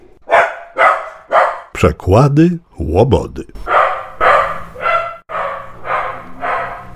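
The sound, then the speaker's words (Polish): A dog barks loudly and repeatedly in short, steady bursts, with a brief rising, whine-like yelp partway through, while a person speaks briefly. “Piesku, czy już gotów?”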